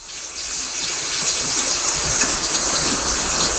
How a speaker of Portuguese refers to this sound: Ó a chuva.